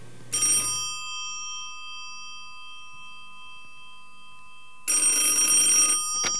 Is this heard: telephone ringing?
yes